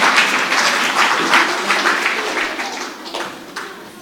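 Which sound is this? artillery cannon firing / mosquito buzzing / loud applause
loud applause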